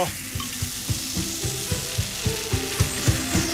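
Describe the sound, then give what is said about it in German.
Sekt (sparkling wine) glugs steadily from a bottle as it is poured during the Radio Brocken breakfast show, a regular series of low gurgling pulses beneath a continuous bright fizzing hiss of foam, with no voices. “Oh, wie das hier schäumt und sprudelt.”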